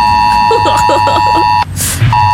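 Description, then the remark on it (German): A smartphone emergency alert blares during the test on Germany's nationwide warning day. It is a loud, harsh electronic tone held steady and buzzy with many overtones, briefly broken by a burst of hissing noise before the alarm resumes. “Das bedeutet, dass unsere Smartphones auch ausschlagen mit diesem fiesen Ton.”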